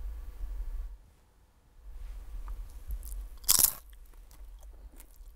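A single sharp crunch of teeth taking the first bite into a potato chip, chip number one, brief and bright, rising out of a quiet low hum with no one speaking; recorded by scientists with a special program for designing a crisp chip sound.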